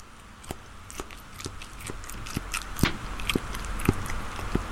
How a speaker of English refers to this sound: It's a very small man eating what is actually a very large bit of food.